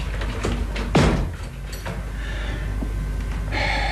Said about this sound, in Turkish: Kapıyı kapat. Başüstüne reis ağam.